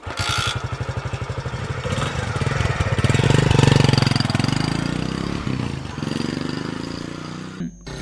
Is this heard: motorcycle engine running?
yes